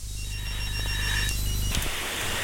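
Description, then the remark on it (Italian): A telephone rings for an incoming listener call to a radio program, a steady electronic ringing tone with a fast pulsing pattern, fairly loud, cutting off sharply near the end with no one speaking. “la fedeltà di questa donna che non ascolta ma ci telefona, ci chiama. Pronto?”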